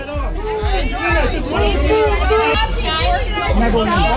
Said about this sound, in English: Angelina Jolie had to put her foot down while she was signing autographs over the weekend. Crowd got a bit rowdy.